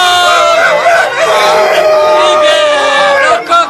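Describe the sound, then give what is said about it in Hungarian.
Human voices imitate a donkey braying, a dog barking and a cat meowing all at once, a loud, chaotic overlapping chorus of wailing cries that runs for several seconds. “Mindenki a maga módja szerint a szamár ordított! A kutya ugatott! A macska nyávogott! És a kakas!”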